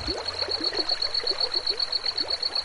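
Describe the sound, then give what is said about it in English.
River water trickles and gurgles in quick, irregular bubbling pulses, with a steady high-pitched buzz running alongside throughout. The flowing river runs through very dry, arid land under a lush canopy of cottonwood and willow trees. No one speaks. “they have higher humidity, and you have the flowing river right through the very dry, arid areas for the most part, and a lush canopy of cottonwood trees and willow trees.”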